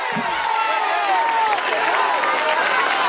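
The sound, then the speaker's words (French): A dense roadside crowd roars and cheers at the summit of the Puerto de El Porqué as cycling race riders pass, a steady wash of shouting voices with shrill whistles and whoops rising above it, loud throughout. “Et c'est le bain de foule au sommet.”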